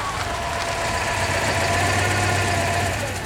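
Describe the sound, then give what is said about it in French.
An old vintage Citroën DS engine idles steadily at Place d'Italie in Paris, a low rumbling hum with a faint mechanical knock running evenly throughout, with no voices over it. “Oh, une DS, magnifique.”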